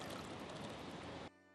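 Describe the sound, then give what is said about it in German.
Water pours steadily into a bird bath on a rooftop garden as it is refilled, a continuous splashing rush that stops abruptly after about a second and a half, with no voices. “Auf seinem Dachgarten hat José eine Tränke für die Vögel. Regelmäßig füllt er das Wasser nach.”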